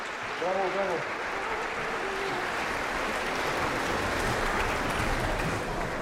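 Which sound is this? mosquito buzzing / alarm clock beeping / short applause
short applause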